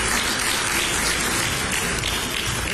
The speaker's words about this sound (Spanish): Muy bien, un aplauso para todos ellos. Muchas gracias.